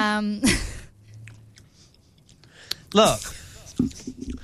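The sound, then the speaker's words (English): Soft chewing and mouth noises with small crunchy bursts as people take their first bites of cake, interrupted by a couple of brief vocal sounds and quiet murmurs. “And then I can hear you chewing,”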